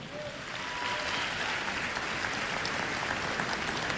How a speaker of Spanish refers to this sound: Un aplauso a Dios nuestro Señor.